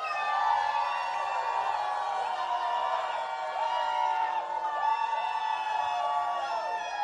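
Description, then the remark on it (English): An audience votes by shouting a contestant's name together on a count of three for a People's Choice Award: many voices overlapping into a loud, sustained wall of sound with rising and falling pitches, some whoops standing out as the chant carries on for several seconds. “So get your voices ready, people.”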